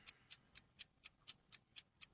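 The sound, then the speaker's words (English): A game timer clock ticks steadily at a fast, even pace, about four crisp clicks per second, nine in all. The ticks are sharp and fairly quiet, heard alone with no voices. “Don't sit there and try to think and tick all your seconds off the clock”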